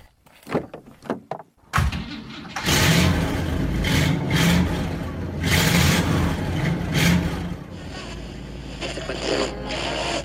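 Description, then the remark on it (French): A few sharp thuds like a car door shutting, then the large engine of a big Chevrolet car roars to life and revs, its deep rumble rising and falling loudly for several seconds with no talking. “Voilà, allez, on est en route avec notre grosse voiture.”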